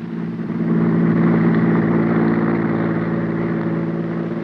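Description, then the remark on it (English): A car engine roars with a steady, throaty hum that swells quickly and holds loud before easing off slightly as the car speeds past on a road. “Maxton's car whipped by.”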